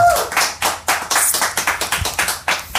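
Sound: audience clapping hands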